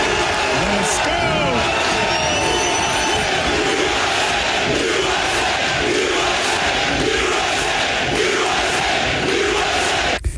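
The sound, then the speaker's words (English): A dense, roaring stadium crowd of Team USA fans at a 2026 FIFA World Cup match in Seattle cheers and shouts continuously for about ten seconds, a loud wash of many voices with scattered yells rising above the steady din. “So nice to see a crowd that's pro-America in Seattle.”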